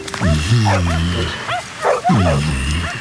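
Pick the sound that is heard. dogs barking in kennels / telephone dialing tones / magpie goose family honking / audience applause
dogs barking in kennels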